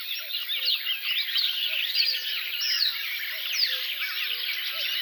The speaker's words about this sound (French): Coucou et Rousserolle Verderolle.